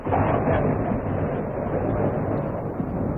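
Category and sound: nature, rumble of thunder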